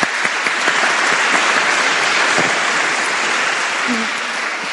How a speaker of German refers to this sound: Dein Applaus.